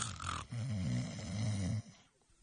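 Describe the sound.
A male storyteller imitates the snoring of the character Yao Qi, who keeps snoring with his eyes shut after being woken: a single drawn-out, rattling, wavering snore lasting over a second, loud, followed by a brief breathy exhale and quiet.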